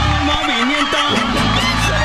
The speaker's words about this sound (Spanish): Un aplauso muy especial para la gente que gusta poner chapas.